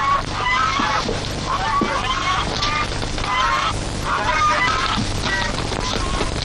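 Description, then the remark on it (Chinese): Several geese honk loudly and repeatedly, their harsh calls overlapping in an agitated chorus that continues throughout, over a steady low background rumble; someone outside is teasing the geese, which a temple keeps to guard its gate. “哦，外边有人斗鹅呢，我出去看看。”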